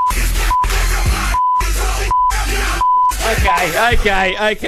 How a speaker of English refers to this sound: I just feel like you wanted to play a bunch of beeps on the radio. I think it's art because it's Morse code